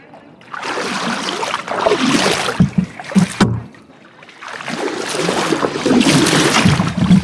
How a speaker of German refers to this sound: dann stochere ich wie mit einem Zahnstocher im Neckar und schiebe diesen flachen